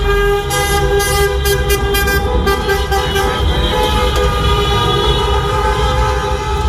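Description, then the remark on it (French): Car horns blare continuously in the streets of Reims, France, in the middle of the night, celebrating France's win over Morocco and place in the World Cup semi-finals, several honking at once in sustained, overlapping tones with rhythmic short toots near the start, loud amid traffic rumble. “Les klaxons ont retenti jusqu'au milieu de la nuit dans les rues de Reims.”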